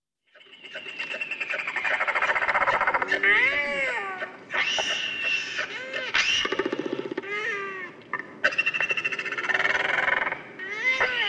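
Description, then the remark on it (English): A harsh, braying call of a Royal Albatross (Toroa) with rasping, buzzy bursts and wavering high wails, sustained for about ten seconds with short pauses, loud and with no one talking. “The Toroa, the Royal Albatross.”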